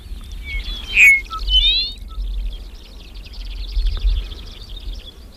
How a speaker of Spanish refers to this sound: Nos hablaba antes Juan Oñate de la Alondra, que estamos escuchando.